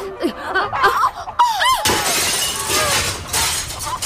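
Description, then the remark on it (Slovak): A heavy mirror falls and shatters in a sudden loud crash of breaking glass, with shards scattering and tinkling for a couple of seconds. Brief vocal sounds come just before the impact. “Keby som bola vedela, že za črepy vyhadzujem peniaze, tak nikdy na zrkadlo nepristanem.”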